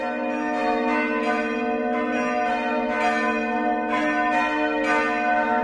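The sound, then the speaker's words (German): Church bells of several sizes, from the smallest to the large bell, peal for a festival, continuously with overlapping, sustained metallic tones and repeated strikes, fairly loud and steady throughout, with no voices present. “Und je nachdem, was für ein Fest war, hast du das Glockengeläute, das hast du im Ohr.”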